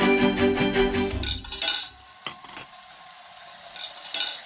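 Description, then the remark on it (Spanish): Plates scrape against each other in a kitchen at a wedding banquet as they are being emptied, for a couple of seconds, followed by a few scattered clinks of dishes set down, with no one talking. “En la cocina, mientras vacían platos, Mari y Petra conversan.”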